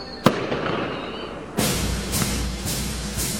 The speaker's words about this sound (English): Celebrate America. Saturday, July 4th at Veterans Park in Mount Airy. Don't miss the fireworks, because the best seat in town is under the stars.